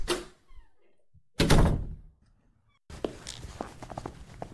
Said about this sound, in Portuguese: Pouco depois, sentem-se passos rápidos. A porta abre-se.